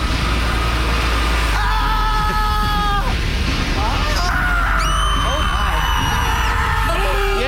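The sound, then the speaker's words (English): Several people loudly imitate screaming and yelling, as if inside a scream factory, overlapping sustained shrieks and wails that rise and fall in pitch, continuous over a constant low rumble. “What would a screamery sound like”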